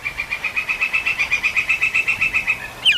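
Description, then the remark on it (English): A woodpecker in a forest gives a rapid, steady rattling call to its mate, not drilling or pecking: a run of about twenty sharp repeated notes that ends with a brief higher chirp, heard clearly with no one talking. “The distinct call of a woodpecker carries through the forest. It's not drilling or pecking. It's calling to its mate.”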